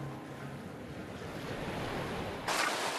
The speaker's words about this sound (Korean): 마음이 급하다고 파도에 맞설 수는 없는 노릇. 때를 기다립니다. 어느새 물이 빠지고 파도가 한결 잔잔해졌습니다.